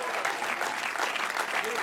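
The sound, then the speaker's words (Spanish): A church audience applauds in praise of Christ in a steady, dense wash of clapping that holds at an even, fairly loud level for the whole two seconds, with no voices standing out. “El fuerte se aplauso a su nombre.”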